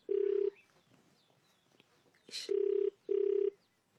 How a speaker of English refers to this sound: Let me try the other number. Answer the phone. Answer the phone, please. Answer the phone. Answer the phone.